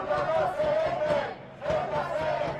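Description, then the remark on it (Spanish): A large crowd of about 20,000 people (180,000 by organizers' count) chants its most repeated slogan in unison at a Spanish civil society protest march joined by Partido Popular and Vox, voices rising in two loud, rhythmic phrases with a brief dip between them. “Ha sido el grito más repetido en la marcha.”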